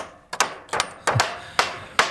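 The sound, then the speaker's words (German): Hammer blows strike at a steady, unhurried pace, about five sharp hits, some landing in quick pairs, with a faint background hiss and no voices, as anti-browsing fences are built to protect young deciduous trees at a forest district in the Harz, Germany. “Wir haben es gerade gehört bei MDR Sachsen-Anhalt, beim Revierförster in Dreieinhonne, da werden Verbissschutzzäune fertig gemacht”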